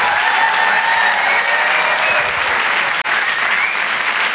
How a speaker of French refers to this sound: Merci beaucoup. Merci. Vous pouvez l'applaudir très fort, Sébastien Marx.